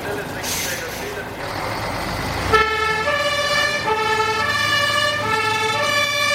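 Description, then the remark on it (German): A broad rumbling hiss of a fire brigade truck starting off to burning spilled petrol on the road, then a loud fire engine siren kicks in, alternating steadily between a higher and a lower tone over the engine noise. “Die Feuerwehr ist bereit zur Abfahrt.”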